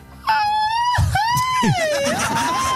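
A traditional Mexican grito: one loud, close voice lets out a long, wavering yell that swoops up and down in pitch for a few seconds, with no talking around it.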